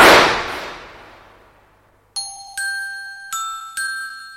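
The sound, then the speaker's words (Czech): A single loud shotgun blast, fired by a gamekeeper from an open window of his lodge, opens, its rumbling tail fading over about two seconds, then four bright, ringing metallic chime strikes follow in an uneven rhythm. No one speaks. “Rámus v myslivně probudil myslivce, ten sáhl na věšák po brokovnici, otevřel okno a zamířil po třetí.”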